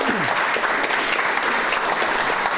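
Sustained applause from an audience fills the whole stretch, a dense, steady crackle of many hands clapping at an even loudness with no voices standing out.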